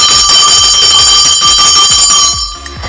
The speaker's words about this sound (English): Where is the drum roll? Where's my drum roll? Oh, well. I'll just use my bell instead.